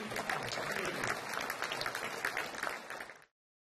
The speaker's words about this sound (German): Mit viel Applaus wurden die beiden am Ende belohnt und den Besuchern bleibt die Hoffnung auf eine Fortsetzung im nächsten Jahr.